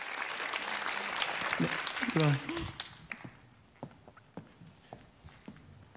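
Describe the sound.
A crowd breaks into dense, loud applause that fills the first half, with a voice briefly speaking over it, then the clapping thins out to a few scattered, fading claps.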